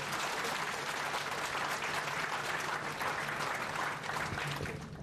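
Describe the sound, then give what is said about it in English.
Sustained audience applause after a cultural performance, a dense wash of many hands clapping at a steady, even loudness for several seconds before tapering slightly at the end. “Once again, let's give them the biggest round of applause.”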